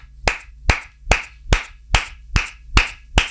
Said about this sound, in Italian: Scusate ragazzi, mi faccio un applauso.